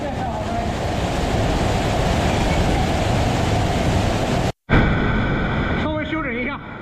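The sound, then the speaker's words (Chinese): A loud, steady roar of rushing water tumbling over steps down a 5-metre, three-tier cascading waterfall inside a cave, cutting out for an instant before resuming with faint tonal sounds drifting over the churning flow. “这5米的高度虽然规模不大，但湍急的水流跌在台阶上，跌出了3级瀑布叠水的景观。”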